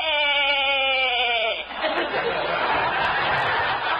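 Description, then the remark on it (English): A sheep named Eloise gives a single loud, drawn-out bleat lasting about a second and a half while being clipped by a horse doctor, followed by a stretch of dense, noisy rustling. “I'm just clipping this sheep, Eloise.”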